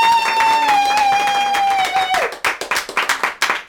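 A small audience claps and cheers, a long sustained whoop riding over the applause before sliding down and stopping, then loud, irregular individual hand claps continue.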